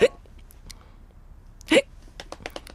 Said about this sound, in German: Sie hickst schon eine ganze Weile vor sich hin